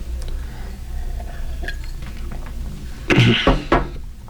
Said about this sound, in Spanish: la carraspera.